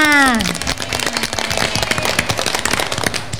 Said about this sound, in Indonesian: Berikan tepuk tangan yang meriah untuk anak-anakku semua.